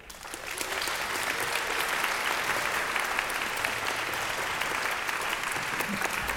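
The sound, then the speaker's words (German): A large audience claps steadily at the 112th RBB Radio 3 children's concert "Manege frei", a dense wash of applause that swells in within the first half second and holds at full strength throughout, with no voices standing out. “Kein Applaus ohne Auftritt und vor allem kein Auftritt ohne Applaus.”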